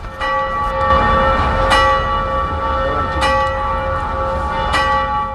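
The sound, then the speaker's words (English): The bells of the astronomical clock in Olomouc ring out at noon in a steady peal, rung by worker figures for roughly 10 minutes, bright sustained tones overlapping and shimmering, with a few sharper strikes standing out against a dense outdoor background. “Just as she finishes explaining, the clock strikes noon, the one time that the clock rings during the day, for roughly 10 minutes.”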